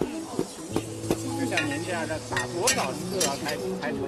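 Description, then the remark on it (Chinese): A wooden mallet pounds tea leaves, perilla, garlic, ginger and peanuts in an iron wok to make oil tea, worked by a woman in Zhuang dress at a Hezhou, Guangxi themed tea pavilion, landing in a steady series of sharp knocks while a busy hall of voices murmurs and chatters in the background. “身着壮族服装的大妈将茶叶、紫苏、大蒜、生姜、花生等放入铁锅中，用木锤用力地反复敲打着。”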